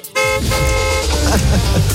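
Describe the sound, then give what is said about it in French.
A loud car horn blares in two sustained honks, the second longer, bright, with a low rumbling engine-like drone underneath throughout; the horn serves as the signal sound in a car giveaway game. “C'est original en plus, le klaxon.”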